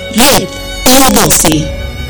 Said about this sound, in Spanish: ¡Ay, mosca! ¡No me molestes! ¡Estoy trabajando!